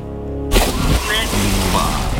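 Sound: cannon firing sound effect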